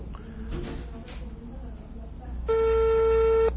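A telephone ringing tone on an unanswered call to the ministerial police sounds once: a loud, steady electronic buzz lasting about a second, heard over the line after a stretch of muffled background noise.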